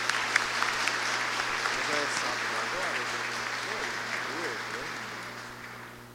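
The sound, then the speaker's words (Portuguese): Steady applause from the audience at a novena mass for about six seconds, a dense wash of many hands clapping at once, with faint voices murmuring underneath before it gradually tapers off. “Então, palmas para os nossos.”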